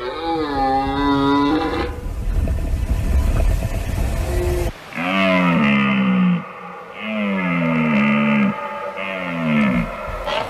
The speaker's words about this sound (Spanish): Fíjate este suena la vida. Qué maravilloso es. La berrea en todo su esplendor.